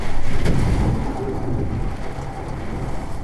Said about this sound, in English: Sheets of rain were pounding the window like a fire hose. Wind gusts here topped 70 miles an hour. It almost sounded like there were waves lapping against the side of the building. I recorded a little bit of it.